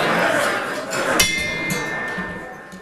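A gong is struck once at the start of a City Club of Cleveland program, after a moment of hissy background noise, and its bright metallic ring hangs on steadily as a sustained shimmering tone until the end.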